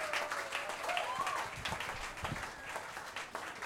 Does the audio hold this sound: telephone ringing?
no